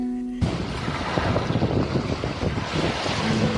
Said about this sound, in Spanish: Playa El Yaque, con sus constantes vientos y mar poco profundo, es una playa mundialmente conocida para la práctica del windsurf y el kitesurf.